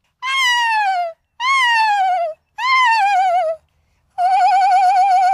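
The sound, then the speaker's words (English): A screech owl's whinny-like call at a nature center in Sandwich, repeated four times: each is a wavering, descending tremulous cry about a second long, loud, separated by short pauses, with the final call held more level. “So it's almost like a whinny of a horse.”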